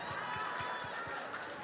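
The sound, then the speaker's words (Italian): An audience applauds steadily, a dense wash of many hands clapping at an even level, with soft low thumps recurring about every quarter second underneath. “Senti che bel applauso, senti.”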